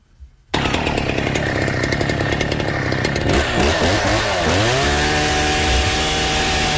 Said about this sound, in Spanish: A una motosierra. Es súper fuerte. Es desagradable. Imagínate estar con una motosierra, bueno, bastante más que un segundo, que es lo que dura la salva. Sí, pero es bien alto. O sea, es un nivel de ruido muy alto.